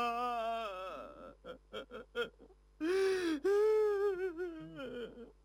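A man wails loudly in long, wavering, quavering cries, broken by short gasping sobs between them, emotional, with no words spoken. It sounds like a voice performing the crying: the drama character Gao Shouping, a grown man, letting his crying out in grief for his sister.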